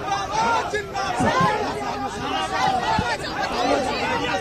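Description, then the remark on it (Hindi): Dense crowd chatter of India bloc MPs filling a whole road, many overlapping voices at a steady, loud level, with slogans being chanted rising out of the babble; Akhilesh Yadav is in the crowd. “पूरी रोड किस तरीके से सांसदों से भरी हुई है इंडिया ब्लॉक के और नारेबाजी हो रही है।”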